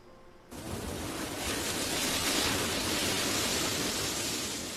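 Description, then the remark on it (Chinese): A steady rush of ocean surf bursts in after a brief quiet moment, swelling gently and holding as a broad, continuous wash of waves with no voices. “哦，这把您还真是有海浪声。”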